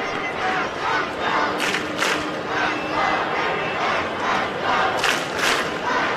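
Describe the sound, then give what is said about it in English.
A baseball stadium crowd in the ninth inning, with the River Cats down 15-10, roars and chants steadily. It is a dense wash of voices with rhythmic surges of shouting rising every second or so, sustained loud throughout. “Crowd trying to get into it here in the ninth inning with the River Cats down 15-10.”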